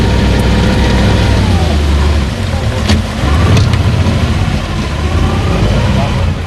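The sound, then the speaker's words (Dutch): A boat motor runs steadily and loudly on a bayou, a constant low rumbling drone with a churning, slightly uneven texture that continues unbroken for the whole stretch. “Stop the motor.”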